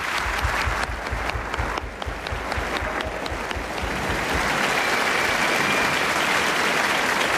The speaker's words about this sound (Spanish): Y un aplauso también para su última entrevistada, que ha sido Nell Harper Lee.